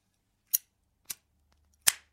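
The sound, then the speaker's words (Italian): A satin-finish Zippo lighter clicks three times, sharp metallic snaps spaced unevenly, with the last one ringing slightly longer, crisp against near silence. “Un altro zippo satinato.”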